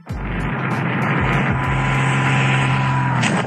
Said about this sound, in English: You hear the plane.